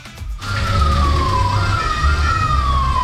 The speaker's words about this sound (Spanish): Se escuchaban ahí las sirenas. Es que estamos muy cerca. Esto está ahí ocurriendo entonces en el Parque Italia. Ahí al fondo se escuchan lejos.